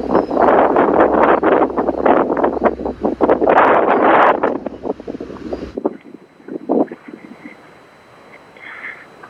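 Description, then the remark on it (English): Loud, gusty, incessant wind buffets the microphone in heavy bursts for several seconds, then abruptly drops to a quieter, steady rustle of wind through palm fronds with occasional softer gusts, as the recordist shelters behind a palm tree. “I'm actually kind of hiding now behind a palm tree to get out of the wind.”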